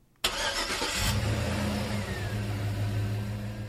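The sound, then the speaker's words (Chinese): At the opening of a song's intro, after a moment of silence, a car engine cranks for about a second, catches, and settles into a steady, loud rumble with no voices present. “开这个歌曲的前奏一刚开头就是车子的引擎发动声”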